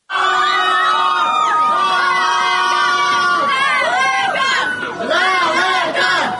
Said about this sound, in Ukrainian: Останні хвилини очікування. І от вже за кілька секунд перон вибухає гучними оплесками.